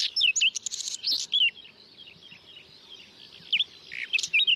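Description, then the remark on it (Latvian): A whinchat sings in short bursts of scratchy chirps and thin whistled notes, a busy phrase at the start, a pause, then more twittering at the end, clear. “Par Luks Čakstītes dzīvesvietām, kā jau mēs noskaidrojām, viņai vārds rāda, ka viņai patīk tādas mitrākas, aizaugušākas vietas.”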